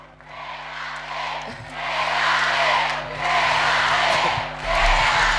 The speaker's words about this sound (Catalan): Crits de quédate per Alexia Putellas.